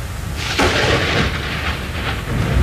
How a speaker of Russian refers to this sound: А в рассуждении грому ты не бойся, сиротка. За что тебя эдкую махонькую убивать?